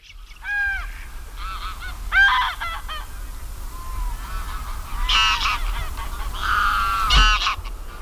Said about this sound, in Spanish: Bueno, pues este es el sonido del Ansar, el mayor de los gansos europeos, que es simbólico en Doñana porque sirvió su imagen para la campaña de captación de fondos que creó el Parque Nacional.